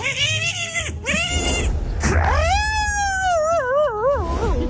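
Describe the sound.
A man vocally imitates a dog fighting and shaking a cat: loud strained yowls that waver and wobble rapidly in pitch over a low growling rumble, continuing without pause for several seconds.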